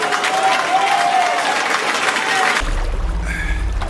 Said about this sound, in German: Ein Applaus für ….